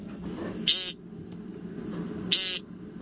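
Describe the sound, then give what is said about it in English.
An American woodcock gives two short, buzzy, nasal peents about one and a half seconds apart, fairly loud, over a low, steady background rumble. “The American woodcock.”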